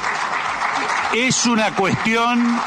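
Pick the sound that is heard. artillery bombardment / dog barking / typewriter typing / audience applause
audience applause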